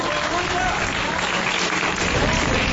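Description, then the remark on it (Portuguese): A church audience applauding to glorify Jesus during a service, dense steady clapping that fills the whole stretch at a constant loud level, with indistinct voices mingled into the ovation. “E a igreja pode glorificar com mais palmas para Jesus.”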